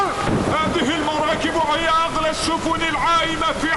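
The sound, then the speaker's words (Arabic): A stormy sea with steady roaring wind, thunder, rain and crashing waves around a ship called the Star, heard alongside several agitated voices calling out over the noise throughout. “بحر ورعد وأمواج ومطر.”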